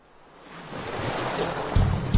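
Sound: ocean waves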